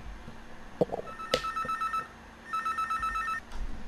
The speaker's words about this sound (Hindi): जैसे ही हमने नंबर बताया और हमारी पहली कॉल आ भी गई।